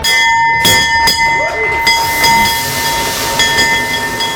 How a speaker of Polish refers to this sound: Po 10 latach na giełdzie papierów wartościowych pojawił się nowy dzwon otwierający sesję notowań. 3, 2, 1.